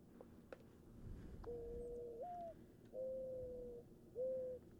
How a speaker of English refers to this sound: They're one of the most common birds in North America, and if you don't know the mourning dove, you definitely know its call. Take a listen.